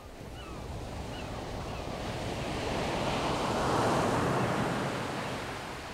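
Ocean surf rushing in, building to a loud roaring break midway and then washing back out, with a steady wind-like hiss throughout and no voices.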